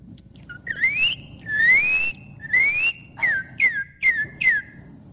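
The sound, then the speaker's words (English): A person whistles an imitation of a northern cardinal's song: three long, rising whistled notes, then four quicker, sharply slurred ones, clear and fairly loud with no talking over them. “There it is, the Northern Cardinal.”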